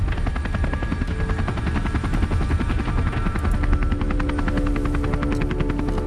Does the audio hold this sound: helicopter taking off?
yes